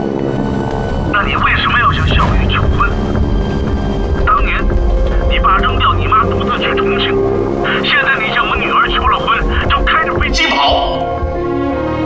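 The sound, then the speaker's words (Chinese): A steady, loud airplane engine drone runs throughout, with a low throbbing hum beneath a man's voice speaking over it, as if from inside the cabin in flight. “你开这个飞机是想去撞山吗？”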